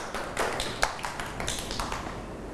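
A group of children clap together in uneven, overlapping bursts, a soft patter of claps that holds steady for a few seconds with no voices over it.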